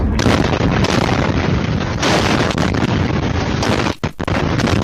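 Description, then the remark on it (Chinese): A powerful explosion roars, a dense, distorted blast and rumble that fills nearly the whole stretch, briefly cutting out near the end before surging back; captured on camera footage. “爆炸当时，镜头瞬间被亮光笼罩。”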